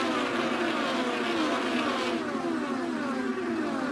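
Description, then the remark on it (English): The tail end of the field of race cars roars past on a track in a steady, loud stream of engine noise, their high whine sliding downward in pitch as each one goes by. No voices are heard. “Jake the field, tail end coming by you right now.”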